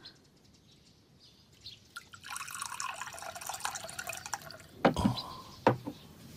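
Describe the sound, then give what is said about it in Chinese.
Water pours steadily into a cup for a few seconds, a bright trickling splash, followed by two sharp knocks as the cup or vessel is set down. A son pours drinking water for his thirsty father in a Chinese radio drama. No one speaks. “爹，您渴了吧？孩儿给您倒水喝。”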